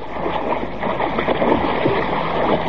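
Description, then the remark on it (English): Water churns and splashes loudly and continuously as a person dives from a boat into water only about a foot deep and thrashes about, with no clear pauses and no voices. “Help! Help me! I'm drowning!”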